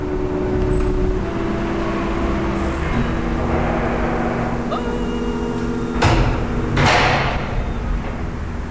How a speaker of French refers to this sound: Code d'entrée. Voilà. Et nous poussons la porte.